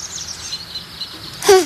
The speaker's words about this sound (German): Was war denn das? Wenn der Vogel keinen Vogel hatte, dann weiß ich auch nicht.